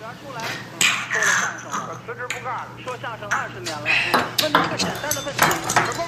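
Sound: glasses clinking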